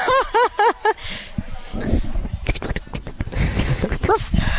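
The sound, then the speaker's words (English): A person imitates a cavoodle dog with a quick run of four high, whiny yips, then more muffled voice-like noises and one last yip near the end, all fairly loud. “That's my cavoodle sound.”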